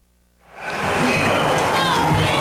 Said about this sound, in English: Crowd still buzzing over that play at third base by Royals third baseman Josh Rojas.